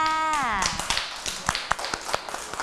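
A small group of children in a class claps in a scattered, uneven patter for a couple of seconds for a classmate after a group art project, right after a short spoken voice trails off at the start.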